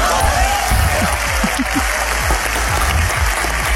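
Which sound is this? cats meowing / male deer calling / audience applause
audience applause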